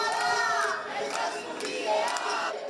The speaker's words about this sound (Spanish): Con gritos de "no toleramos ningún desahucio más", han tratado de evitar el desalojo